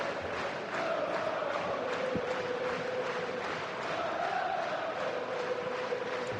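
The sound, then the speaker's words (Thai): A large crowd at the Amex Stadium cheering for Brighton roars in a steady, dense wash of noise, with a sustained sung chant rising through it for the full stretch. The noise stays loud and even throughout. “เสียงเชียร์ที่เอเมกเซเดียมดังมากนะครับเชียร์ไบรตัน”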